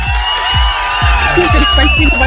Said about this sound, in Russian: Эти аплодисменты тоже для тебя.